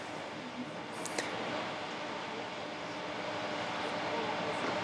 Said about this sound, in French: avant que cet avion n'arrive à l'endroit où il va être accueilli.